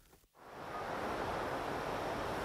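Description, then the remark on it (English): Broad, steady roar of sea waves surging below a granite clifftop in Galicia, northwest Spain, rising after a brief hush at the start into a continuous wash of surf, loud with some wind noise mixed in. “I'm standing on a granite clifftop, looking out to sea.”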